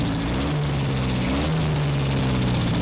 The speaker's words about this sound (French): La pompe à injection aspire de l'air au lieu d'aspirer de l'essence. Un peu de plomberie et le moteur devrait de nouveau fonctionner.